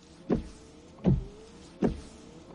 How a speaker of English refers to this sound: Give up? It's Rain-X wiper blades.